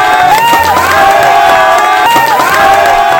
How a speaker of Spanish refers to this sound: Eso, el aplauso para los japoneses por ese bonito acto cívico.